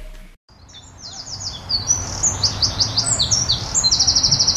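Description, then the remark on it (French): Birds chirping and singing in bright, rapid trills and tweets, several calls overlapping and growing denser, with a low steady rumble of ambience underneath and no one speaking. “Mais où sont passés les oiseaux ?”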